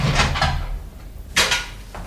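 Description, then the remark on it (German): Someone unlocks and opens the door of a room with a narrow hospital bed: a few rattling metallic clicks, a pause, then a sharper clunk as it swings, with no one speaking. “Da hörte ich jemand die Tür aufschließen.”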